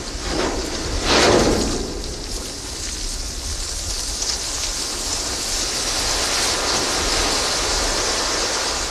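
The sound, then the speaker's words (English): A ship's hull grinds and crashes through sea ice in Antarctica in a continuous, loud, rumbling roar, with a sharper crunching surge near the start before settling into steady scraping noise. “Here's a recording you made of the ship hitting sea ice.”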